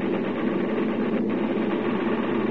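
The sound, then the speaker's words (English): A steady, unbroken drone of aircraft engines in flight, loud, holding a constant level with a dense low rumble and no voices. “These engines have got to get us back.”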